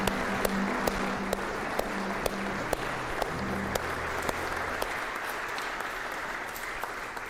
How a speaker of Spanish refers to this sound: Demos un aplauso a Dios y a la Eucaristía.